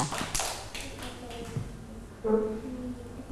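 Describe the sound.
Children clap their hands at a teacher's request for a classmate who answered about Thai summer traditions, a short, uneven burst of scattered claps that fade out after a second or so, followed by a brief murmur of voices.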